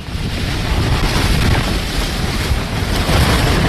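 Fierce cyclone wind roars steadily throughout, a loud, dense rush with heavy low rumbling buffets and a few surges, no voices present.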